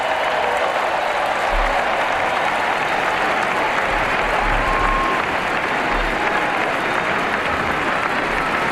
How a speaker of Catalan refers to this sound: Escoltin l'aplaudiment del públic.